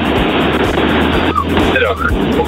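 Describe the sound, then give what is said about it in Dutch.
Loud, continuous roar of a car on the road, heard through a narrow, muffled telephone line from a caller phoning in while driving, a steady rush of road and engine noise with faint voice fragments surfacing briefly toward the end. “Ik ben onderweg met de auto. Excuses voor de auto.”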